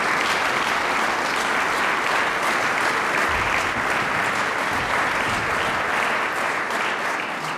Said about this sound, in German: Zuerst empfängt das Publikum aber ihn und Sofia Muñoz mit herzlichem Applaus.